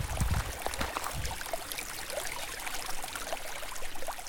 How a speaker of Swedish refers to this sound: Nu står vi här vid Lainioälvs strand. Och Lainioälv är ju den älv som jag har en viss eller speciell anknytning till.